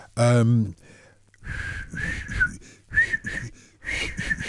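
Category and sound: human body sound, failed attempt at whistling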